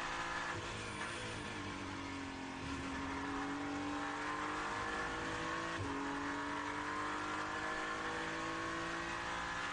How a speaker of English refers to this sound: Hypercar coming past Dan Harper as he just lifts for a moment and allows the car to go back.